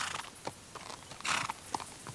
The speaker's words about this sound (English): That sounds like a wild horse. And another one.